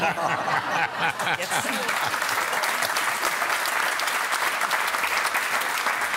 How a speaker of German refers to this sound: Aber also Applaus an Pauli, lehrt uns ja, es gibt für alles einen Fetisch.